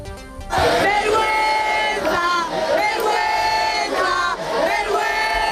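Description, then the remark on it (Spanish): A large crowd shouts in unison, a loud, sustained roar of many voices rising and falling in repeated waves of chanting for several seconds after a brief quieter start. “Se puede resumir todo en un grito.”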